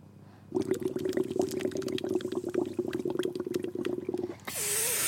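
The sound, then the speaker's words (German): Steady bubbling water with a low gurgling drone and rapid popping bubbles for about four seconds, then it stops abruptly and gives way to a breathy hiss of rushing air. “Hallo, du musst während der blubbert.”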